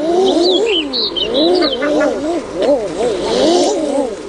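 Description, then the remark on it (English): Common eiders call in a loud, continuous chorus of overlapping, wavering cooing notes that swoop up and down, with thin higher chirps scattered above them. “So, female eiders appear to act differently toward close relatives.”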